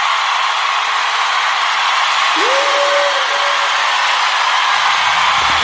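An audience applauds in a steady, dense wash of clapping that holds at full strength throughout, with a brief whistle-like tone rising and holding midway.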